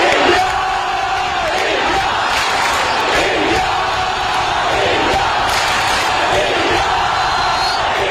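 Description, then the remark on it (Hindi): A large crowd chants "India, India" for the 22nd Commonwealth Games in a loud, steady, repeating rhythm, the voices swelling together roughly once every second or so with no break across the whole stretch. “अगले 10 दिन सात समुंदर पार स्कॉटलैंड के ग्लासगो की फिजाओं में भी इंडिया इंडिया के ये नारे गूंजते सुनाई देंगे, क्योंकि आगाज हो चुका है 22वें कॉमनवेल्थ गेम्स का.”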